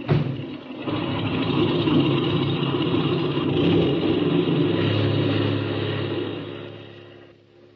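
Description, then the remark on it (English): A propeller airplane engine is opened up with the brakes set before takeoff, running up to a steady, loud roar and holding a sustained rumbling drone for several seconds before easing off slightly at the end, with no voices. “Now, set your brakes. Open that motor. And when I wave to you from the outside, take her off.”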